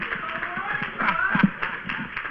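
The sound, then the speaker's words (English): An audience claps their hands in praise of God in steady, rapid bursts of sharp slaps, with voices murmuring and calling out underneath the applause. “Come on, give God another hand clap of praise.”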